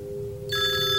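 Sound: telephone bell ringing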